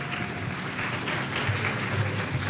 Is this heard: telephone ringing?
no